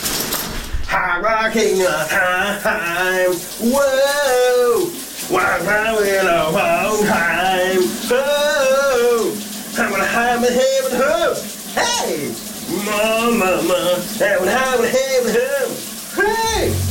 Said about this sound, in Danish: han sang under bruseren her. Det er en af de sommersange, der kan fylde et helt dansegulv på et split sekund på en varm sommeraften.